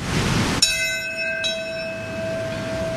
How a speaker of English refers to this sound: Today, as has happened every year since the first anniversary of 9/11, one of several bells rang out, this one at Ground Zero in Lower Manhattan, followed by a moment of silence at 8:46.